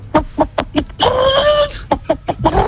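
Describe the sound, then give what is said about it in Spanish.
A person imitates a hen cackling while laying an egg, with a few short rhythmic clucks, a drawn-out squawking tone, then more quick clucks, loud. “Pero ha dicho que cuando está poniendo huevo, ¿no?”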